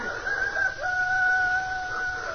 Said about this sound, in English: The cock crew.